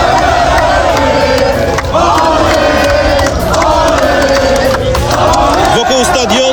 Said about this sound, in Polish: wciąż słychać śpiewy, okrzyki radości i rozmowy o najważniejszych momentach turnieju.